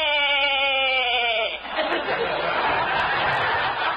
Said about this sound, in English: I'll be right with you. I'm just clipping this sheep, Eloise.